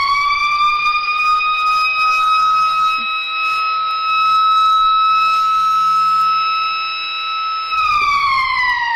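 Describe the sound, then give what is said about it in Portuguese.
A school bell sounds as one long, loud electronic tone, holding a steady high pitch for about eight seconds before dipping briefly near the end. No one speaks over it. “Eita, tocou o sino da escola.”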